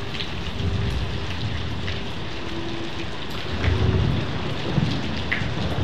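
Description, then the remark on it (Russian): A thunderstorm after a very hot day, with lightning, steady heavy rain hissing throughout and low rumbles of thunder swelling in the background, with no voices present. “Сверкнула молния, грянул гром, и освежающий дождь пролился на землю.”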